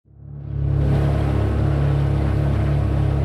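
A speedboat engine revs up from quiet into a loud, steady low drone with a strong hum, joined by broad rushing water and wind noise as the boat gets underway. No one speaks.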